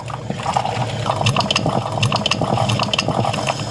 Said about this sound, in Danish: For mig, der er det, når jeg har sat min kaffe over om morgenen. Mm. Og det tror jeg er meget dansk lyden af kaffen, der er klar. Vi kan være, vi lige skal høre, hvordan det lyder.